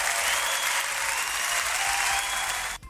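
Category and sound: crowd, applause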